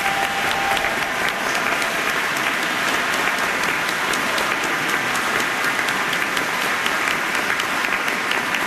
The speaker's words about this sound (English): Can you help me give all of these folks a round of applause?